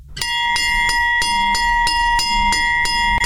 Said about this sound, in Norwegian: Den ikoniske Hjemmeis-klokke.